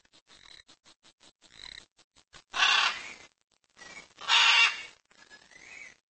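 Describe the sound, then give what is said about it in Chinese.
Scarlet macaws call with two loud, harsh, raucous squawks, separated by softer clicking and chattering notes, with no voices present, at a nesting site of Central America's largest scarlet macaw population. “在这里，你会看到中美洲最大的五彩金刚鹦鹉种群的筑巢地。”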